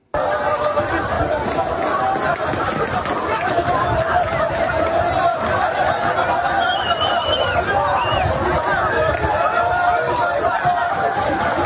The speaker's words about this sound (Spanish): Hemos visto todos en la televisión las avalanchas, los inmigrantes corriendo para intentar hacerse con un hueco. Fijaos.